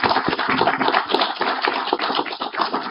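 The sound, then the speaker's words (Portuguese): A crowd applauds steadily for a few seconds for the legal director of the Brazilian Confederation of Traditional Muay Thai, a dense, crackling wash of many hands clapping at once with no voices over it. “Um aplauso a ele.”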